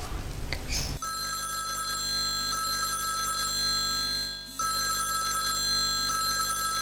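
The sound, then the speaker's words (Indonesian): A telephone rings on the caller's end: a steady electronic ringing tone in two long bursts separated by a short pause, following a brief rustle at the start, with no one speaking. “tak telepon”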